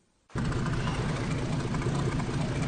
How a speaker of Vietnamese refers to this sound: Tiếng sóng biển hòa cùng tiếng máy tàu tại khu vực cảng cá Đề Di, tỉnh Gia Lai. Trên những con tàu chuẩn bị cho chuyến vươn khơi mới, công việc của ngư dân giờ đây không chỉ là kiểm tra nhiên liệu, ngư cụ hay lương thực.